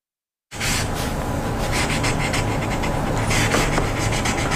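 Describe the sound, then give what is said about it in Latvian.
A pen scratches across white paper in quick, rasping strokes, a steady hiss of writing with brief sharper scrapes throughout, heard on its own with no voices, as US President Donald Trump signs a document in the Oval Office renaming Lake Ontario as Lake America. “Pildspāvēs krapstot uz baltā papīra ASV prezidents Donalds Trumps ovālajā kabinetā paraksta dokumentu, ar kuru viņš Ontārio ezeru pārdēvē par Amerikas ezeru jeb Lake America.”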